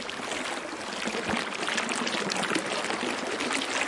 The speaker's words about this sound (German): Und so ein Fluss.